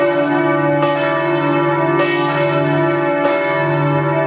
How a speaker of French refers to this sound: Toutes les églises des diocèses de Lorraine, donc dans les 4 départements, vont sonner pour annoncer que le pape est en terre lorraine